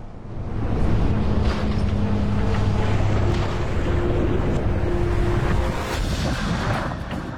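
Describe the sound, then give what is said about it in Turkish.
A loud, steady roar of Idaho's fast-flowing River of No Return at very high water, in the Frank Church wilderness, fills the whole stretch without a break, with a low droning hum running beneath the rush. “Idaho'daki geri dönüşü olmayan nehir, ülkenin en büyük korunaklı doğasının tam kalbinden geçiyor.”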